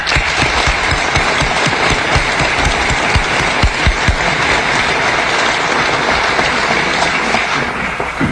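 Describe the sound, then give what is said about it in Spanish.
Members of a business association applaud themselves at its 90-year anniversary, a dense wash of many hands clapping steadily for about eight seconds at a loud, even level, with no voices standing out. “Y por eso yo les quiero pedir un aplauso para ustedes, porque son ustedes los que han trascendido en el tiempo en la defensa de nuestros valores.”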